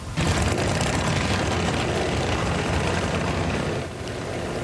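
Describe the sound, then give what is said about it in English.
A group of motorcycle engines roars steadily and loudly, a dense continuous rumble that eases slightly near the end as the bikes pull away. It is the Carter's Cancer Crusade motorcycle tour, in its fourth year, setting off for NISCU. No one speaks. “The day began with a pancake breakfast at Crawford Plains School before the motorcycle tour took off for NISCU.”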